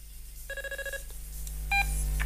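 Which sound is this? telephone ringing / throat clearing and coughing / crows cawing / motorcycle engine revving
telephone ringing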